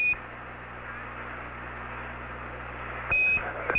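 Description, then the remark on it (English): A spacecraft alarm on the Eagle during its descent, at about 27,000 feet altitude, coming up when a 1668 is displayed, sounds as a steady, high-pitched electronic tone over constant radio static, holding for several seconds before a brief, louder burst near the end. No one speaks. “Same alarm, and it appears to come up when we have a 1668 up.”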